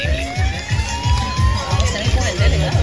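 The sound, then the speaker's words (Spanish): A crowd applauds and cheers to welcome a guest at a public project event, in a steady, rhythmic pulse, with loud voices calling out and a thin whistling tone gliding over the noise throughout. “Un fuerte voto de aplausos.”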